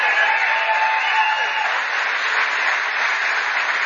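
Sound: round of applause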